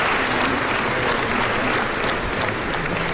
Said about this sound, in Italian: Alle 3 del pomeriggio arriva il carro funebre davanti alla Basilica di Sant'Ambrogio a Milano. L'applauso per Don Antonio Mazzi. Fuori e dentro la chiesa c'è gente che ha atteso ore sotto al sole per esserci.